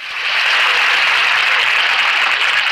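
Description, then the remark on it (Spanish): A crowd applauds steadily, a dense wash of many hands clapping at once, loud and sustained throughout with no pauses or voices breaking through. “Es emocionante. ¡Qué aplauso!”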